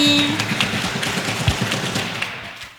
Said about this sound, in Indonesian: Kemudian terima kasih juga kepada Bapak pembina kami yang sangat luar biasa, tepuk tangan buat pembina kami.